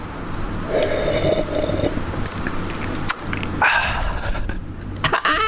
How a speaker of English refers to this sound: But let me. I'm just gonna sip this tea.